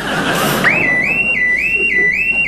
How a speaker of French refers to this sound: Merde, merde, l'alarme. Il y a quelqu'un. Ça, c'est sûr, il y a quelqu'un.